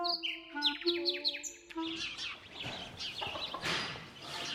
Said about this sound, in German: Selbst heute, Ende November, lärmen hier die Spatzen.